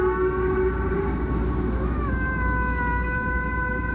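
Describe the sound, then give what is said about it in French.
A prehistoric conch shell, about 18,000 years old, pierced with two holes and decorated with red pigments, is blown in one long, sustained horn-like note that wavers and slides slightly in pitch partway through, over a steady breathy rumble. It is fairly loud and continuous, with no voices. “Et ce qui est fou, c'est qu'on a même le son de cette conque.”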